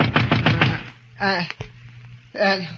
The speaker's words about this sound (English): And then a knock on the door awakened me.